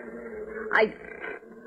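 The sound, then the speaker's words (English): A dog named Tige growls low and steadily in a kitchen, breaking into a brief, sharp whimper that slides downward in pitch before the rumbling growl carries on and then stops. “I wish you'd tell that dog of yours to stand on the other side of the kitchen.”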